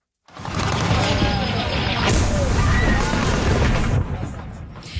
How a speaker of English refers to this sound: In a video posted on social media, explosions and gunfire can be heard.